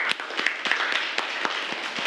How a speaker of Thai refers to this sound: อันนี้อธิบายได้ดีมากเลยนะครับขอเสียงปรบมือครั้งหนึ่ง